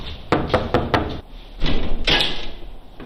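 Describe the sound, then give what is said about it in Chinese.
Police officers knock on a man's door, which stands ajar and unlocked: four quick, sharp knocks in a rapid burst, followed by a pause and two heavier, duller bumps, fairly loud with no one speaking. “民警敲门的时候门也是开着的，虚掩着的，没有锁”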